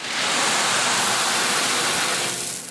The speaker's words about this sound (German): Wäre die Zisterne heute schon fertig, hätte sie direkt ordentlich zu tun gehabt. So prasselt der Regen hauptsächlich auf uns.